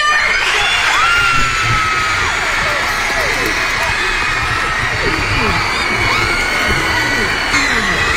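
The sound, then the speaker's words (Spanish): A large crowd of students of the San Bernardino School District screams and cheers wildly at a surprise arrival, high-pitched shrieks and whoops overlapping continuously at full volume throughout, with no pauses. “Ahí está la chaviza vuelta loca, no gritando”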